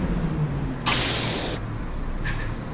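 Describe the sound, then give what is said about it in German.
A Line 12 bus arrives at a bus stop, idling with a low engine rumble, then lets out a loud, sharp burst of air-brake hiss lasting under a second, followed by a fainter hiss near the end. No one speaks. “Da kommt der Bus schon.”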